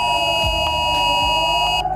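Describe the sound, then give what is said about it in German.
A loud, steady electronic mobile phone emergency alert tone sounds without a break in Norderstedt, Germany, as all phones send a warning, several high pitches layered together over a low background rumble, with the highest part cutting off near the end. “Alle Handys sendeten einen Warnton.”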